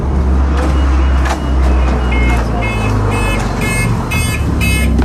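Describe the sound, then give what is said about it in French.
A bus's safety beeps for door opening, door closing and pedestrian presence repeat in a steady series of short, high electronic tones over loud engine rumble and road noise. The beeps are fairly prominent. “Et alors, les bips, c'est pour la sécurité, c'est ça ? La plupart, oui. C'est les fonctions ouverture, fermeture de porte, présence de piétons et compagnie.”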